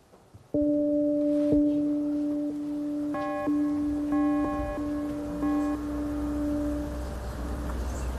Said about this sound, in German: Das kam wahrscheinlich von der Glocke.